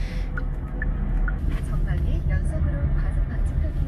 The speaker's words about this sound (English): Right now I'm in my dad's car and heading towards my first interview.